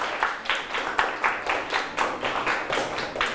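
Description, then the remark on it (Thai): A group of classmates claps together in a steady, rapid rhythm for a few seconds for a student who has just presented her eating goals, a bright, crackling burst of applause with no voices over it. “สุดยอดเลยครับปรบมือให้เพื่อนเลยครับ”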